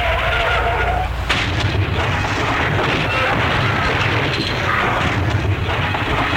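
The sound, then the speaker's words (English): A car's tires squeal in a skid, then a loud crash hits and crunching, rumbling wreckage noise carries on for several seconds, loud with no one talking. “Well, do you think I should offer him a bumper sticker for what's left of his car?”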